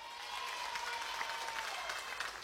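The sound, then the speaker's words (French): Sustained applause from an audience, a dense, steady wash of many hands clapping at moderate volume throughout, with no voices standing out. “Voilà, encore un plus gros applaudissement pour vous.”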